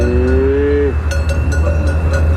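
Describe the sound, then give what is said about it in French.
A medium-sized, black Hérens cow gives a short, steady moo lasting under a second, followed by a few sharp metallic clinks over a constant low rumble in the background. “Ils y élèvent des vaches de race Hérins, des animaux de taille moyenne, robustes et musclés, reconnaissables à leur robe noire.”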